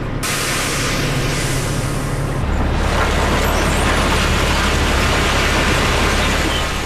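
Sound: 20-ton coal truck driving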